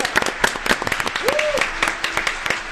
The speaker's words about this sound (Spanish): El segundo finalista en categoría radioteatro, Escuela de Educación Técnica número 638, Margarita Massa de Carles, con el programa Sintonía Ficción de Rosario Santa Fe. ¡Aplausos!